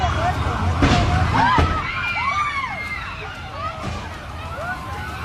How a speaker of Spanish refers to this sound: No se sabe qué ocasionó la explosión de cientos de tanques de gas, pero se informó que por lo menos 26 personas resultaron heridas y hubo varios fallecidos.